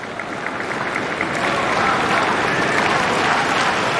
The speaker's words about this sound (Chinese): 现场的观众也都在给36岁的罗马尼亚老将科斯蒂亚加油。